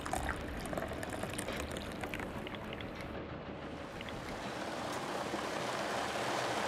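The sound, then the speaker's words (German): Ice is poured into a meat mixture with spices and phosphate in a bowl cutter, a steady, dense rush of rattling and churning with scattered crunchy clicks, fairly loud throughout, with no voices. “Eis dazu. Das Wasser braucht die Masse für die Bindung.”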